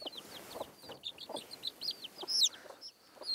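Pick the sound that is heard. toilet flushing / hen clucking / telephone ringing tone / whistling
hen clucking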